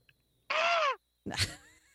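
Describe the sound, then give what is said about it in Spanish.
A listener's sent-in audio recording of two loud, harsh screams, the first a strained cry that bends downward in pitch and the second rougher and raspier, together sounding much like a squawking hen. No voices accompany them. “A ver, vamos a escuchar el gritito de acá.”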